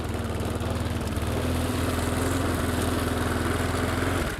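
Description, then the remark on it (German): A lawn mower engine runs steadily and loudly in a garden while its noise level is measured, peaking at 86 decibels; a low rattling drone with a constant pitch that holds throughout before cutting off abruptly at the end. No voices are heard. “Aber auch so bekommen wir ungefähre Daten, wer wie laut durch den Garten rattert.”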